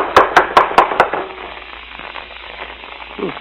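Five firm, evenly spaced knocks on the wooden front door of a house in quick succession, followed by quiet hiss and a brief faint vocal sound at the end.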